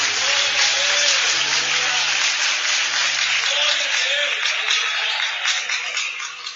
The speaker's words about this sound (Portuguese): Aplauda o Senhor Jesus.